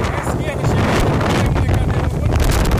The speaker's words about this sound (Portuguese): Várias cadeiras de plástico vermelha voando assim, né? Sendo arremessadas. Olha o horizonte. Por causa da ventania e o horizonte muito fechado.